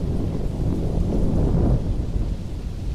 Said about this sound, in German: Ein stetiges Grollen schreckte das Mädchen aus ihrer Konzentration. Es glich nicht einem einzelnen Donnerschlag, sondern vielmehr einem außerirdischen Gemurmel, das fortwährend andauerte.